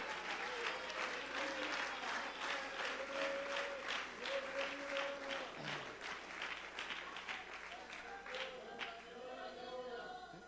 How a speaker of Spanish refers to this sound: Dele palmas al Espíritu Santo en esta hora. Sea libre para adorarlo.